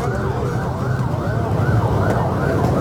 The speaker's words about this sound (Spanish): Y ahí está ahora el video de las ambulancias que iban en exceso de velocidad.